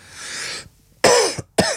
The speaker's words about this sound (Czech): Pardon, je to dneska to asi s kašláním, to chvilkama bude.